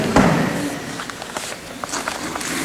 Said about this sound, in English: I just love the sounds of their little footsteps running through the church.